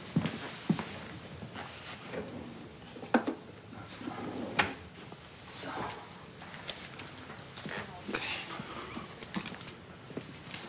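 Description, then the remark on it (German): The third drawer slides open, followed by scattered clicks, knocks and rattles as its contents are rummaged through in search of a plaster (bandage), with soft sounds of movement and a voice murmuring now and then. “Ich suche nur ein Pflaster. Dritte Schublade.”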